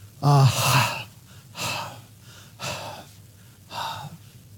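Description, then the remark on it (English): A person pants heavily, four breathy exhalations at a steady rhythm, the first with a voiced, gasping edge, deliberately imitating the panting of a deer after water, saying the Hebrew word ahav (love) as if panting. No other sounds. “Try saying it as if you were panting, and you will see what they mean.”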